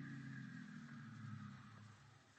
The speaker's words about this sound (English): No, there's a car out there. It's been following me for the last 200 miles. Yeah? How'd you know? I know it. I took a side road. He did, too. I tried to duck him, and he hung on. He kept following me. I'm sure that... Listen, that must be it now.